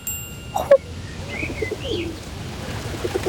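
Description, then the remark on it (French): Pigeons in a park coo softly in low, murmuring bursts, with a few higher bird chirps above a steady rumbling background and one brief sharp sound near the start. “Il regarde les pigeons.”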